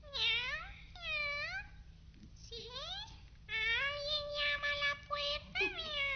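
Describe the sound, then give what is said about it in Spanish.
A black cat meows repeatedly, about five or six drawn-out, rising and falling cries in quick succession, over a faint steady low hum. “Por fin, temblando de miedo y agotado por la carrera, llegó hasta una casita, a donde una vieja, con la cabeza muy blanca, platicaba con su gato negro.”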